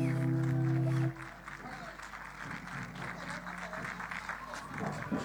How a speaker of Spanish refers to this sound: Fuerte ese aplauso, dice un amigo, cuando termina.